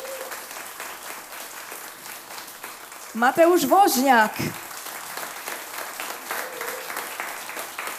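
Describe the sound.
Sustained concert audience applause for a performer, a dense, steady patter of many hands clapping throughout, with a man's voice briefly calling out over it in the middle before the clapping carries on.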